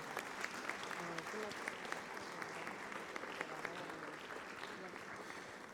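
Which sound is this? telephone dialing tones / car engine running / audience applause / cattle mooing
audience applause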